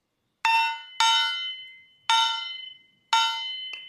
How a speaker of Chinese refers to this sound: 这件乐器呢叫做小轿，有一个锣跟木鱼还有一个锤子组成的。那我们可以一起来听一下它会发出什么样的声音。